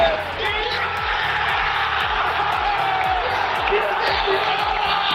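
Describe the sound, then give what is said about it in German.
A packed stadium crowd at a Schalke football match roars and cheers at the final whistle late on a Saturday evening, a dense, sustained wall of voices with whoops rising out of it and steady rhythmic thumping underneath. “Komm, noch einmal Gänsehaut, noch einmal der Moment des Abpfiffs am Samstag, spätabends.”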